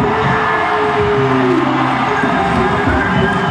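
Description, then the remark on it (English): A large crowd of San Antonio Spurs fans in San Antonio cheers and applauds in a loud, steady roar that never lets up, with a few sustained low, horn-like tones rising through the noise, after the Spurs won Game 3 of the NBA Finals against the New York Knicks, 115-111. “Spurs fans in San Antonio erupting in applause after their team took Game 3 of the NBA Finals, beating the New York Knicks in the Big Apple 115-111.”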